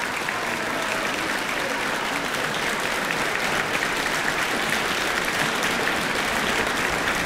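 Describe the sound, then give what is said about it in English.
Sustained, dense applause from a large concert audience after a two-piano performance of a Ravel waltz by two brothers, steady and loud throughout with no voices standing out, a continuous wash of clapping. “And continued applause for a wonderful performance from the two brothers, ….”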